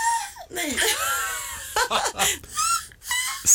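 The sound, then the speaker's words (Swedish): A person imitates a black-headed gull, giving four or five harsh, screechy, rising-and-falling squawks in quick succession, loud and raspy with a slightly laughing quality. “Skrattmås.”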